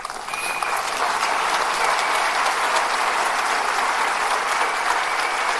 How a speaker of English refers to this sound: Yeah, she deserves your applause.